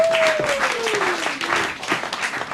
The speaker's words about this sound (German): Und deshalb begrüßen Sie heute mit uns mit einem tobenden Applaus.